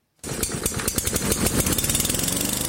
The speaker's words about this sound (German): Der Rasenmäher. Sein Einsatz sorgt stets für Lärm und unterschiedsloses Kürzen. Von Gras meistens.